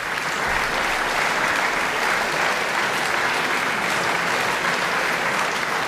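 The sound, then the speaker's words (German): Enthusiastic applause fills the small Beethoven-Halle in Bonn-Mufendorf for pianist Fabian Müller on 19 September at the Beethovenfest in Bonn, after Beethoven's Hammerklavier Sonata. A dense, steady roar of many hands clapping at full strength throughout, with no voices standing out. “Begeisterter Beifall in der kleinen Beethoven-Halle in Bonn-Mufendorf.”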